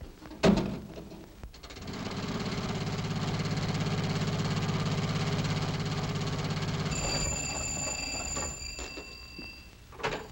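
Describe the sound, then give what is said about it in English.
A car engine starts up and runs with a steady, throbbing low rumble for several seconds, then fades as a high, bright ringing tone sounds near the end. “No, I'll take the jitney into town and get my car.”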